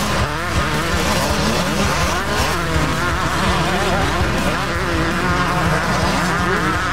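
Several speedway motorcycles race at Fast Fridays Motorcycle Speedway, their high engines buzzing and whining in overlapping, wavering pitches as they rev through turns, loud and continuous from start to finish.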